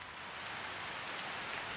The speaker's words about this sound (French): Janvier 1955, Connecticut. Je regarde la pluie qui tombe sur le jardin. Que c'est doux. La ferme de Milton et son épouse Amy est mon nouveau refuge.